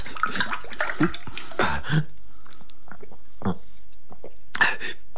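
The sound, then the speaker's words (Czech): Water splashes and gurgles in short bursts as it is poured into a glass, moderately loud, with brief pauses between the pours and a few quick noises around it. “prosím tě, nalej mi trochu vody, rychle vod.”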